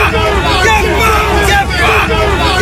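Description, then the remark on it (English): Hundreds of anti-migrant protesters gathered outdoors in Gosport fill the air with dense, overlapping chatter and shouting, a loud continuous hubbub with no single voice standing out, steady throughout. “This is the sound of hundreds of protesters gathered in Gosport just 1 month ago.”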